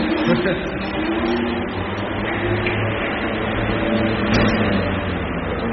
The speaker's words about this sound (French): Alors déjà, le bruit d'un peu plus standard, c'est ça. Ventilateur.